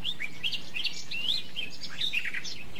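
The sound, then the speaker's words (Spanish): Small birds sing continuously in the morning, a busy mix of high chirps, tweets and short trills overlapping, with no voices and only a faint low background hum. “Aquí lo que escuchamos son ahorita los cánticos de los pajaritos, Fernando.”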